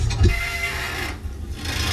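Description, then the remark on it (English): The Squealing Bridge in Hamburg, also called the Screaming Bridge, gives off a continuous grinding, rasping screech over a deep low rumble, steady and fairly loud for two seconds with no voices. “the Squealing Bridge.”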